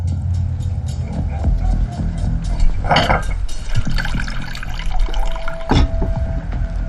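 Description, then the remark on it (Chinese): A woman pours water into a bowl for a thirsty soldier to drink, a steady splashing trickle lasting several seconds, with a couple of brief louder knocks and a low background hum. No one speaks. “那你坐着，我这就给你倒水去。”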